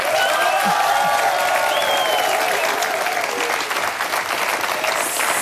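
A live studio audience at the live stage of a Swiss radio broadcast applauds steadily on a Saturday afternoon, dense clapping at a loud, even level with faint cheering mixed in, sustained throughout without letting up.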